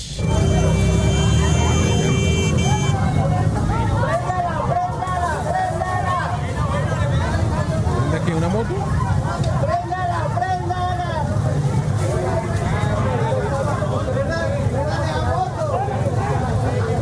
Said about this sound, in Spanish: Algunos manifestantes intentaron bloquear la vía principal, mientras que otros buscaban pasar, lo que generó discusión en el sector.